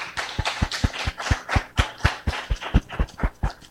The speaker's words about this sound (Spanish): Démosle un aplauso a los cumpleaños.